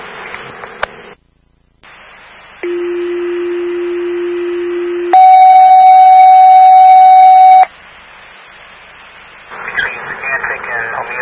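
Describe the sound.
Fire dispatch alert tones for Station 25 over radio static, for a medical call to Margaret Drive: a steady low tone lasting a couple of seconds, then a louder, higher tone held for about as long. A crackly radio voice follows.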